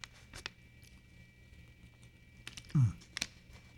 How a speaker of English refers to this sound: Let me get a swig of water here.